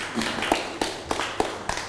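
A few scattered hand claps from students in a classroom, applauding a classmate at the teacher's request, sharp and moderately loud, spaced unevenly over a steady background hum rather than forming full, dense applause.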